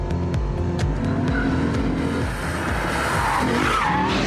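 An RCF car's engine roars continuously with shifting, rumbling tones while tires squeal and skid through hard braking in tight corners, driven with electronic aids switched off, loud throughout with sharp clicks and a whining sweep near the end.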